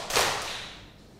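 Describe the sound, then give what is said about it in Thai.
A group of children claps twice on a spoken instruction, a sharp crack of many hands followed quickly by a softer second clap, then the sound fades with no talking. “ปรบมือสองครั้งค่ะ”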